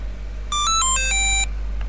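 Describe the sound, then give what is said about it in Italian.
A telephone rings with a quick electronic melody of bright, stepped tones lasting about a second, loud, followed by a faint short chirp over low background hum. “Bene, quindi era il telefono.”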